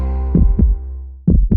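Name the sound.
rapid heartbeat sound effect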